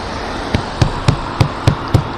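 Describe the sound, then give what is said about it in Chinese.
Six firm, evenly spaced thuds of someone pounding on a locked door that will not open, with no response from inside, each blow a dull, fairly loud knock with no voices over them. “打不开啊！这个， 娘， 怎么拍都不行，怎么拍都没反应啊！”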